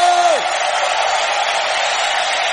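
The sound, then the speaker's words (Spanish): A large church audience shouts and cheers in a loud, sustained roar, giving a cry of victory and jubilation, opening with one voice's sliding whoop that drops away into the dense wash of cheering. “¿Cuántos pueden dar un grito de victoria, un grito de júbilo?”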